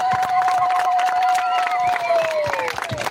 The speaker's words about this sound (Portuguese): Hoje estamos aqui a fazer salva de palmas, mas para além dessas palmas, nós temos que acarinhar esse projeto.